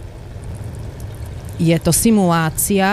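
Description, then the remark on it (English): Water pours steadily through a funnel and a tiny shower-like head onto fabric fixed in a frame, in a spray test simulating rain to see whether the material repels or absorbs water, a soft continuous splashing rush, before a voice starts talking over it partway through. “The fabric is fixed into a frame and water is poured through a funnel and a tiny shower-like head.”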